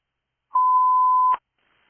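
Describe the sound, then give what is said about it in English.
A single steady alert tone, like a fire dispatch tone, holds one clear pitch for nearly a second, then cuts off with a short click. Quiet before and after, with no voices. “Battalion 4 disregard tones, battalion 4 disregard tones.”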